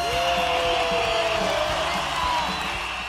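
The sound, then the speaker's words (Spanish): An audience gives a sustained ovation welcoming a researcher from the Instituto de Investigaciones Histórico-Sociales, a dense wash of clapping mixed with crowd cheering and a high whoop, holding steady and loud for about three seconds. “Del Instituto de Investigaciones Histórico-Sociales, recibamos con una soberbia ovación”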